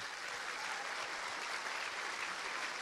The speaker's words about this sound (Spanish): Un aplauso al Señor.